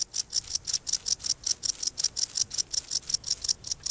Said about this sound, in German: Nur an sonnigen Tagen ertönt das Konzert des Warzenbeißers. Eine Rarität der Ostseeküste. Die Heuschrecke reibt ihre Flügel gegeneinander und erzeugt so den typischen Sound des Sommers.